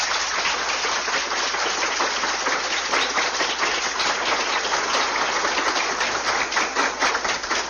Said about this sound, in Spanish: Le damos la bienvenida a nuestro hermano, nuestro reverentísimo Monseñor, que está con nosotros, Monseñor Napoleón Andrés Romero Cárdenas. Un aplauso.